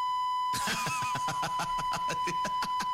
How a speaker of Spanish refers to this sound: Tenemos las dificultades técnicas de los Simpsons, cuando los Simpsons se quedaban sin programación